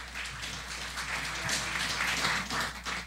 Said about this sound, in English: Let's give Ms. Etienne also a round of applause. Thank you.